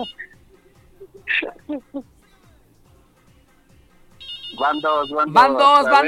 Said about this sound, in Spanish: Y a ti y a los que te están tocando el claxon.